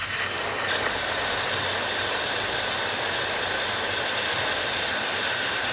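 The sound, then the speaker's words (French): A long, steady hissing exhale, a voice imitating a snake during a breathing exercise, holding a bright, airy sss sound at even loudness for several seconds without any speech. The exhale follows a deep inhale through the nose and is meant to lengthen the out-breath. “Inspirez par le nez profondément. On inspire. 3, 4, 5. Et on expire le serpent.”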